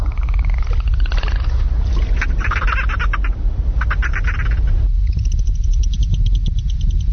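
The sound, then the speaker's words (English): Dolphin whistles and buzzy, pulsed squeaks come in several short bursts over a constant low rumble, with a longer rapid clicking train near the end. No one speaks. “One whistle if you're okay. Two whistles if you're experiencing difficulty.”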